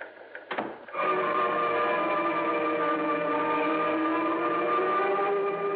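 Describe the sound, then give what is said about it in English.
A teletype machine starts printing after a short burst of noise, then runs in a steady, loud mechanical chatter with a buzzing tonal hum that continues unbroken to the end. “I guess that teletype knocks a theory of mine.”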